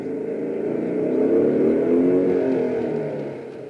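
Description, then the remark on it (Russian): A motorcycle engine rumbles as it approaches and pulls up to a gate, its drone swelling to a steady peak before easing off slightly as it slows, heard alone. “К воротам подъезжает мотоцикл.”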